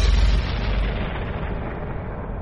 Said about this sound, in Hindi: तोप की आवाज गूंज उठी। उत्तेजित भीड़ चीत्कार उठी।